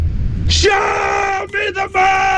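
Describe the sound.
A man lets out a loud, sustained shout, his strained voice held steady for about two seconds with a couple of brief breaks, forceful against a low background rumble.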